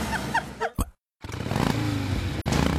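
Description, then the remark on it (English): After a few short chirpy sounds and a brief moment of silence, a loud motorcycle engine revs up, settling into a deep, steady, throaty rumble with no talking. “Forged by riders for riders, Elkhart Indian Motorcycle is the Midwest's largest Indian motorcycle retailer, celebrating 125 years of iconic American craftsmanship.”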